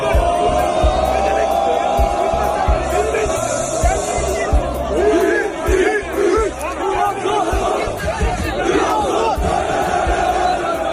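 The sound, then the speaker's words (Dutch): A large crowd in Istanbul cheers and shouts loudly and continuously as footballer Mohamed Salah arrives in a Trabzonspor shirt, voices chanting and whooping together in a dense, roaring mass of noise that swells and dips slightly throughout. “Mohamed Salah landde vandaag in het shirt van Trabzonspor in Istanbul en hij werd onder luid gejuich ontvangen.”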